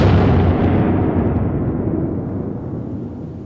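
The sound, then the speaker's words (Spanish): A massive nuclear explosion from a bomb test at Bikini Atoll, dropped from a plane and detonated 160 metres up on 1 July 1946, roars as a heavy, continuous low rumble that starts loud and slowly fades over several seconds, with no voices present. “Los 167 habitantes de Bikini fueron evacuados hacia el atolón de Rongerik, unos 200 kilómetros al este, para llevar a cabo la primera explosión nuclear.”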